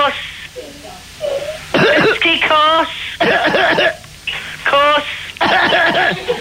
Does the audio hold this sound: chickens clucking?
no